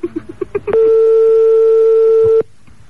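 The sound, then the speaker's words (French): A modern electronic telephone ringtone sound effect: six quick beeps, then a loud, steady, buzzy tone held for nearly two seconds before it cuts off abruptly. No voices. “La bruitage sonnerie moderne.”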